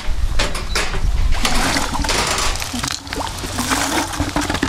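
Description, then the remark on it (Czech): Water sloshes and splashes as a sampling pole is dipped and scooped through reservoir water to take water samples from a metal structure a little way from the shore, at the Brušperk reservoir in the Frýdek-Místek area, Czech Republic; a busy, continuous liquid noise with small gurgles and no one speaking. “zrovna odebírá vzorky vody.”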